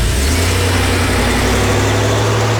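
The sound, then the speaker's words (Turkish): A car engine runs loud, its low rumble steady with a rising rev as the vehicle pulls away to drive a lap around the corner, no voices heard. “Lan oğlum şu köşeden bir döneyim geleyim ne var ya?”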